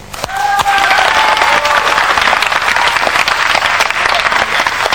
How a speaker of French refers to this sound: Non, bonjour à tous. Ça commence bien, c'est raté. On applaudit.